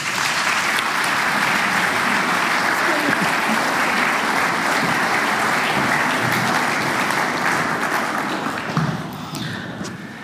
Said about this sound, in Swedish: Och där ger vi dem en varm applåd.